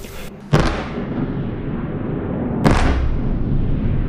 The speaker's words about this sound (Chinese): 8号凌晨，基辅市再次响起多次强烈爆炸声。乌空军3:40至42在社交媒体发布多条预警信息，称俄军多枚弹道导弹正向基辅市方向飞来。